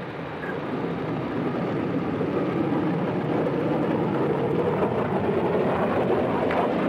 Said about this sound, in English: Bluebird was set to go. Coniston water smooth as glass. The official timekeepers alerted, Donald Campbell sent the jet hydroplane full out along the measured kilometer.